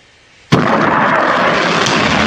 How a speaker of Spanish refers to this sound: Misiles, explosiones y sirenas interrumpieron la madrugada en Medio Oriente, mientras Israel e Irán protagonizaban el intercambio de ataques más grave desde abril.